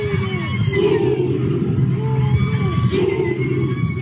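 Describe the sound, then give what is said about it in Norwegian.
A large group of men in traditional Zulu dress at an anti-immigration demonstration in South Africa bellow loud, rhythmic war cries together, their deep chanting voices swelling in repeated surges over a continuous crowd roar. “De roper kamprop og ser ut som de skal i krigen.”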